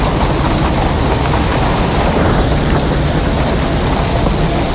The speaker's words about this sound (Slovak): Áno, letná búrka, niekedy osviežujúca, inokedy príliš hlučná, ale niekedy je to v noci. Taká búrka vzniká z tepla a vlhkosti, pričom blesk je 5-krát horúcejší ako slnko.